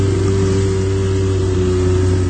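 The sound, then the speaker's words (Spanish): A motorboat engine drones loudly and steadily, a continuous low hum with a strong throbbing pitch and no voices over it, from a boat (lancha) heading toward Boquilla. “Andan allá pa' Boquilla estos. Mira, van en una lancha.”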